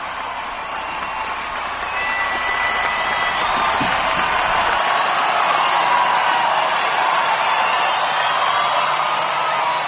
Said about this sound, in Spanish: Jesús, nombre sobre todo. Un aplauso para Jesús de Nazaret.